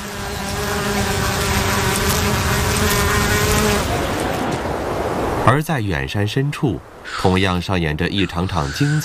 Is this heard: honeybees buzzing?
yes